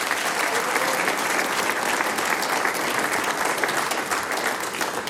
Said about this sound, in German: Und die …, die sechs Herren, kriegen natürlich auch noch einen großen Applaus. Sie spielen uns dann auch aus.